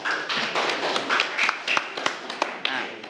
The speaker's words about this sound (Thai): ถูกต้องนะครับปรบมือให้เพื่อนด้วยนะครับนักเรียน